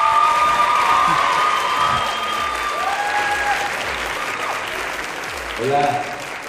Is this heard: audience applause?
yes